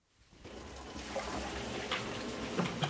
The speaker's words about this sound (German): Wenn Carsten Hell einen Hahn an einem seiner Edelstahltanks öffnet, klingt das erstmal wie in jeder anderen Kellerei.